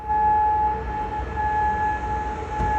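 A steady, sustained air raid siren wails across Kuwait City as the military's air defences intercept missiles and drones, holding a constant high tone throughout over a low rumble of background noise.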